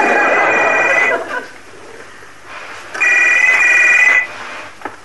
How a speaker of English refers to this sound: ask if they'd fixed that phone yet. But does it still make a noise like a castrated hamster?